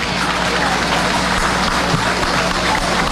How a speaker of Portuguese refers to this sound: A eles também uma calorosa salva de palmas.